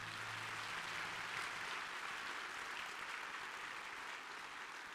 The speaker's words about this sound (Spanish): Quiero que se dé un aplauso, felicítese.